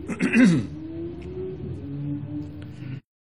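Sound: coughing and throat clearing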